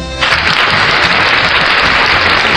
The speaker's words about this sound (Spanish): Un aplauso para mi tío